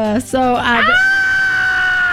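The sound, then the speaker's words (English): A person's voice imitates a goat screaming: a couple of short bleating bursts rising into one long, loud, sustained high-pitched wail that holds steady for over a second. “That's my imitation of a goat screaming.”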